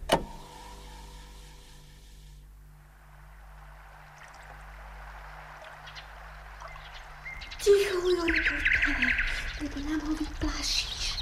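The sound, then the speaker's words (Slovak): A nightingale sings over a steady low hum, starting after a long quiet stretch with a burst of varied, fairly loud whistles, trills and chirps that carry on to the end. “Koho? No, to predsa slábika. Nepočuješ? Nepočuješ, ako krásne spieva?”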